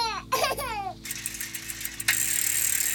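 A baby cries in short, wavering wails for about a second, fairly loud, outdoors by a small grave, then fades into a steady hiss of background noise.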